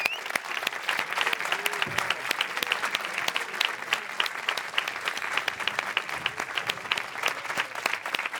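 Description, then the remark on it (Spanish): Steady, dense applause for the residents of Robledillo, who have sat through the day's heat, fills the whole stretch, many hands clapping in a continuous bright patter without pauses or build, loud and even throughout. “Así que un aplauso para vosotros.”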